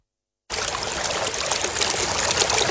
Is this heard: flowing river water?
yes